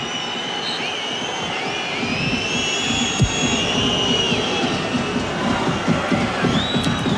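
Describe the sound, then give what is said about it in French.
The crowd at the Groupama Stadium (Parc OL) cheers during a football match against Le Havre in a steady, dense roar that holds at the same loudness throughout, with faint high whistling tones drifting above the din and no voices standing out. “Vous entendez les acclamations du Groupama Stadium, du Parc OL ici.”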